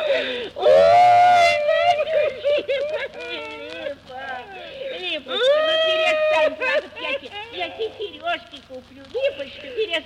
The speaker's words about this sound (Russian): ну голубушка, ну не плачь